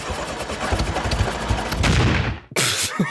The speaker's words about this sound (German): Ich entschuldige mich vorsorglich jetzt schon für das, was gleich passiert. Das könnte nämlich nicht so wunderbarer Sound werden. Ich versuche jetzt den mal anzuwerfen, da unseren Radio Vorarlberg Traktor.